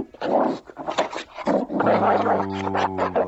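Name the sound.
dog growling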